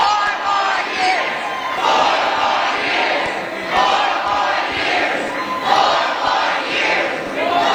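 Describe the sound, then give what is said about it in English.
A large crowd at a campaign appearance right after a debate chants "four more years" in unison, the loud, steady phrase repeating in rhythmic waves roughly every couple of seconds, with no single voice standing out. “Leading the crowd in four more years, and then she says this.”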